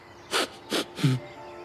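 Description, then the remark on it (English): Three quick, breathy sniffs in a row, each a short hiss of air, with the last one ending in a low, snorting rumble; a voice seems to be imitating them. “First, there was a sniff.”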